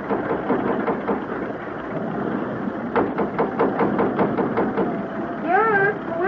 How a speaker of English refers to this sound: Oh, boy. Oh, those engines sound like the stern's coming clean out of the water.